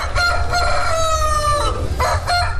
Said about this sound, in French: Ces chants de coq annoncent bien le décor, celui du salon avicole du Bénin. Dans les allées, coqs, poules, pintades et autres volailles de différentes races ont attiré l'attention des visiteurs.